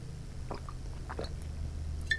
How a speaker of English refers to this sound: I need to drink water before I talk about that. Let me fortify myself. I need liquid courage before I tackle that one